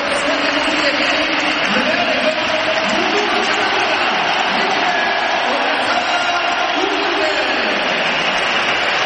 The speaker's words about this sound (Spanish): Más aplausos que pitos. Ahora yo creo que se ha nivelado un pelín, pero yo creo que más aplausos, ¿eh?